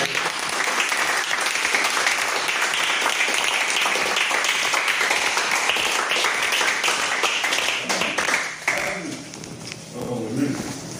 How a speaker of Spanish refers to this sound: Bueno, pues ese aplauso que antes.